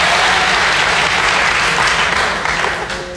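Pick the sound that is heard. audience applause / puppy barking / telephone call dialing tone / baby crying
audience applause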